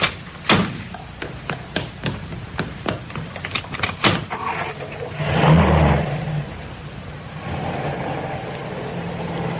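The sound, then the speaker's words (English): A quick series of clunks and clicks as car doors open and shut while the driver and passenger swap places, then an engine revs up briefly and settles into a steady running hum. “Oh, don't bother to get out. I'll get out my side.”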